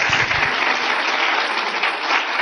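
A church audience claps together for the Lord in a steady, dense wash of applause that holds at an even loudness for a few seconds, with no voices rising above it.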